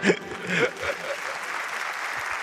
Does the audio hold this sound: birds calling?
no